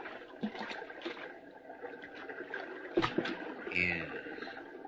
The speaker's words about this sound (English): Water. A brook, my tongue, it's parched. Now I can drink. Now at last I can take a drink. Thank goodness for this brook.